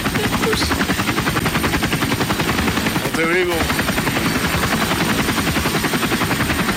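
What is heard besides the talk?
helicopter flying sound effect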